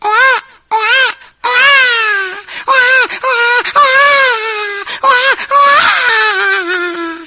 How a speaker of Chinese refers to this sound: 好不容易啊，囡仔已经生出来咯，有听到囡仔哭声咯。